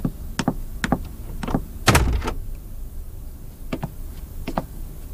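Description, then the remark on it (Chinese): A door is banged on repeatedly by someone demanding it be opened, a series of sharp, irregular, loud knocks with one especially heavy thud partway through, with no voices. “苏醒，开门，你给我开门。”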